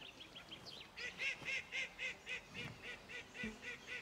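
bird, ducks quacking

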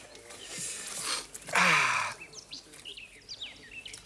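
bird, birds chirping

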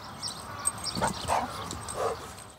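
animal, dog barking and yipping

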